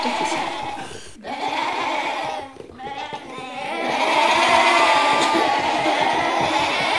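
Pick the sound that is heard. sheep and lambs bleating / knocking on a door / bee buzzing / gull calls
sheep and lambs bleating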